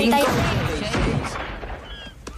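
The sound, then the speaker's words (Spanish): Loud, sharp gunshots crack out over a dense, chaotic background, with a few bursts spread across the moment and voices mixed in beneath the noise. “¡Son disparos de verdad!”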